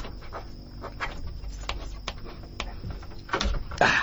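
Scraping and sharp metallic clicks as a screwdriver works at a door lock while a burglar breaks into a house, building to a louder clatter and creak as the door is forced open near the end.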